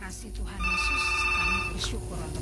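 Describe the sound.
A telephone rings for an incoming call on the phone line, a steady electronic trill lasting about a second, clear, with people talking faintly underneath.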